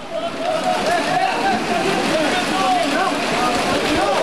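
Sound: rain falling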